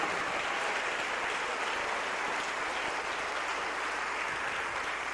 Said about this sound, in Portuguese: E vamos aplaudir mais o Senhor Jesus.